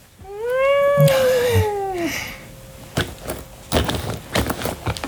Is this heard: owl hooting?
no